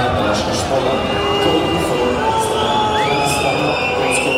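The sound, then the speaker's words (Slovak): A dense crowd of home supporters at a 12,000-capacity football stadium, Z'dežele, roars continuously, a loud wash of many voices cheering and shouting, with occasional whistles and louder surges rising above the steady din. “Domáci priaznivci vytvorili na 12-tisícovom štadióne z Dežele pekelnú atmosféru”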